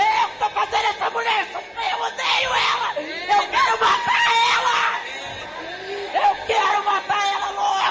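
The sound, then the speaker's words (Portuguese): A woman screams and wails loudly and almost without pause in a church as Satan is commanded to leave, high strained cries tangled with other shouting voices over nearly eight seconds. “Grita, Satanás, sai agora.”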